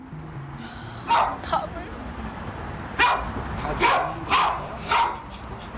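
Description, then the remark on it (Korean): An anxious dog barks repeatedly in short, loud bursts, five or six sharp barks spaced irregularly, ringing through the building at a volume comparable to train noise, with a person speaking briefly underneath. “제가 원래 혼자 데리고 살 때는 탈출 행동만 있고 짖는 건 많이 없었는데, 지금은 짖는 게 더 많이 생기고 탈출 행동은 사라지니까 어떤 게 사라지면 또 있던 게 생기고 계속 바뀌어서.”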